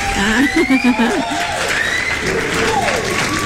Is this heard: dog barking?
no